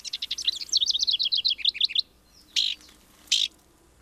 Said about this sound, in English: Here's a downy woodpecker drumming. Now, I don't know what the message is here, but just hearing that puts me in mind of spring, when the downy is out examining trees for nesting sites.